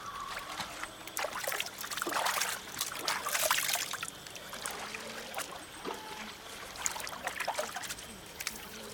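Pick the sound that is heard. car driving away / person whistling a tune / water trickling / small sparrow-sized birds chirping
water trickling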